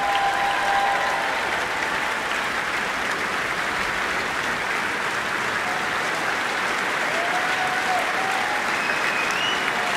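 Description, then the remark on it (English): Sustained, dense applause from a large audience at the Royal Albert Hall after a concert programme by the Fantasia Orchestra and the BBC Singers fills the full ten seconds at an even, loud level, a steady wash of many hands clapping with a few faint whistles or voices rising above it. “Well, the crowd here at the Royal Albert Hall clearly loved that programme.”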